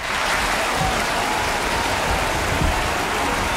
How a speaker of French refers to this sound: Quand le rideau tombe sur la dernière réplique, la salle applaudit à tout rompre. Et quand Romy apparaît, la clameur redouble d'intensité.